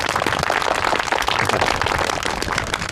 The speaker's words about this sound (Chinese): 鼓掌。